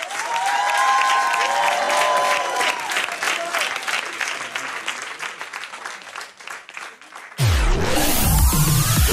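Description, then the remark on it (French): A crowd at the Francofolies de Spa festival in Belgium claps steadily and loudly for several seconds, with a few rising whoops early on, before the applause cuts to a bright electronic swoosh of an RTB Vivacité radio jingle. “Applaudissez-vous, merci.”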